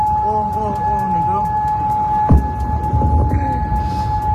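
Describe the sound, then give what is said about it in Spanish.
Air raid sirens sound during an Iranian attack on US bases in Gulf countries, a steady, unwavering high tone held throughout, with a fainter second tone above it, over a low rumble and indistinct background voices. “Esto que escuchas son las alarmas antiaéreas que han sonado.”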